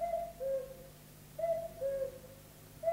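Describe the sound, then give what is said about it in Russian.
A cuckoo calls its falling two-note "cu-ckoo" about three times at a steady pace, clear, over a quiet, faintly humming background. “Кукушка.”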